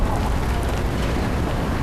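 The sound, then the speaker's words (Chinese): A fetal heartbeat on an ultrasound doppler: a loud, steady run of rapid, rhythmic whooshing pulses wrapped in dense static hiss, with no one talking. “嗯，挺跟小火车似的， 这呼呼呼呼有劲儿。”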